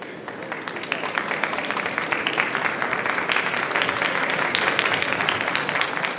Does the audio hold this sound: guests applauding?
yes